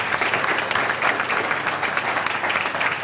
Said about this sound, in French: On peut applaudir notre invité même. Bravo.